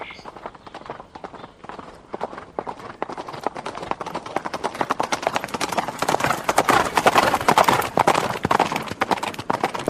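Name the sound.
horses galloping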